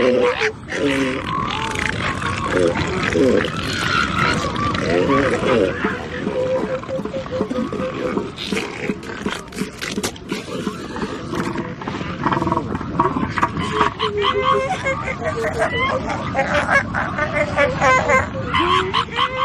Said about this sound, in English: One would expect that they would use this organ to bellow, belch, and snort, but most of the sound comes from deep within the elephant seal's chest, and their big nose has no known function except for flag waving when facing off with another male.